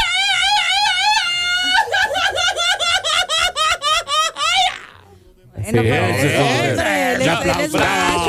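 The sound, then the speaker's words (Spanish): A voice lets out a high, wavering mock scream that breaks into a string of rapid pulsed cries, then stops briefly before a burst of laughter and excited voices follows. “Un grito de la mejor es así.”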